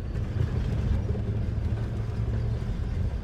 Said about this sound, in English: I'm escorted the short distance from the administrative buildings to the factory in an old company car. An orange Mercedes from the 70s